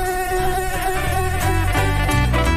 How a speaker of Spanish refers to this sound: Creo que están llegando los zancudos